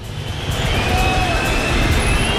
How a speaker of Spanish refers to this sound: que está llegando el autobús del Real Madrid